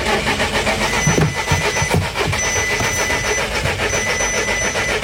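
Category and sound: vehicle, car engine being started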